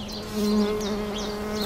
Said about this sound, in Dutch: Dat is een hele bijzondere manier die hommels gebruiken om het stuifmeel uit de helmhokken te trillen. Dus zij zoeken de eigen frequentie op van de helmhokken door met hun vleugeltjes te trillen